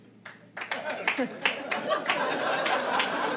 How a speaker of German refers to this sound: Ja, so klatschen Leute, die verheiratet sind.